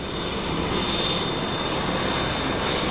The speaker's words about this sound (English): The Merlin is without doubt the most advanced in-service helicopter in the world today. It's got a fantastic avionics suite, 3 engines, redundancy on almost every system.